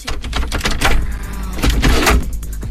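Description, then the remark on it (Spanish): Muffled knocking at night behind a door of a room at the back of a lake house, a rapid, irregular series of loud raps and thuds over a low rumbling background, with no voices. “La primera noche escuché golpes detrás de la puerta.”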